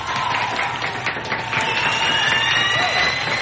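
An audience applauds steadily for a few seconds in thanks to a member of a radiothon team, a dense, even wash of many hands clapping at fairly constant loudness, with a faint sustained tone running beneath it.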